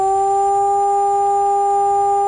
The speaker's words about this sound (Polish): Dźwięk dla ochrony ludności to 3-minutowy modulowany, czyli falujący sygnał syreny. Odwołanie alarmu to zaś dźwięk jednostajny.